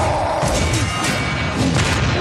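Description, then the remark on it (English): Loud, dense crashing and thudding impacts pile up over about two seconds, with deep booms and a few swishes, like an over-the-top action-hero smash sound effect. No one speaks. “I'm hearing like lightsabers and superheroes like crashing into stuff.”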